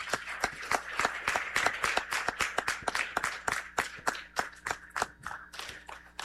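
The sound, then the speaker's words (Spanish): An audience claps together in a steady, fairly loud round of applause, sharp overlapping claps keeping a quick rhythm for several seconds with no voices over it. “Para ellos, nuevamente, un aplauso y que Dios les bendiga siempre.”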